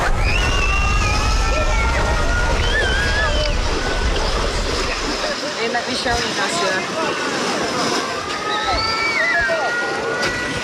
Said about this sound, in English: Look at this. This is the beach in Odessa.